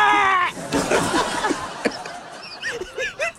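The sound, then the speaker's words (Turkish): A person imitates the cry of a lamb having its ear bitten: a loud, wavering, nasal cry that breaks into shorter quavering bleats, alone without other talk. “Böyle kuzulara kulağını ısırıyorlar ya, bağırıyordu.”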